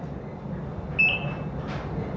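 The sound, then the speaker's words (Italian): A single high electronic beep, like a monitor on a hospital ward, sounds for about half a second over a low, steady background rumble, fairly clear but not loud. “Ovviamente il finale si può intuire forse da quei beep, questa ragazzina evidentemente oberata da questi questi impegni continui, dovere di essere sempre iperperformante, poi si ritrova in un reparto ospedaliero per trattare questo tipo di disturbi.”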